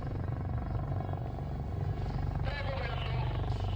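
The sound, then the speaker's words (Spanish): Five helicopters in wedge formation, showing the colours of the Spanish national flag, pass low overhead, their rotors making a loud, steady, chopping thrum throughout, with voices talking over the noise. “Ahí les tenemos a baja altura, haciendo esta pasada con la bandera.”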